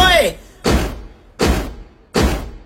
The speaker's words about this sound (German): stampf einmal gescheit mit dem Fuß, du scharfe Brezen, du!